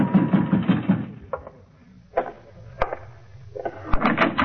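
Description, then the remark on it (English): Heavy, rapid pounding by someone on a bedroom door, about five thuds in a quick burst, then a few scattered bangs and rattles. Fairly loud, with no voices. “In my room, I was about to call Preen and ask him why when somebody began pounding on my door.”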